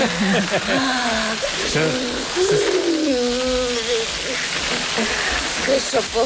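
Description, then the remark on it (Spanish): A steady hiss of water spraying from a hose, crackling like oil frying in a pan, runs throughout while a person speaks loudly over it. It comes from a scene of the film La Ley del Deseo in which Carmen Maura is hosed down. “Soy el único que escucho una freidora en lugar de una manguera.”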